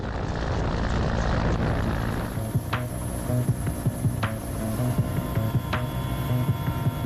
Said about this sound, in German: Es gibt Situationen, in denen ein Hubschrauber aus dem einen oder anderen Grund nicht landen kann.